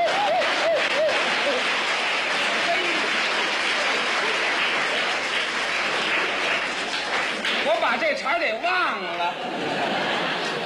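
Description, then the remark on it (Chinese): At a table tennis match, many spectators stand and cheer and applaud in a loud, steady roar of clapping for about ten seconds as the Chinese player Zhuang Zidong wins the first game, voices shouting and chanting "China, Zhuang Zidong" rising above the noise near the start and again toward the end. “这时全场很多观众不得不起立，为我们中国队员取得第一局的胜利而欢呼：中国庄子栋，庄子栋！”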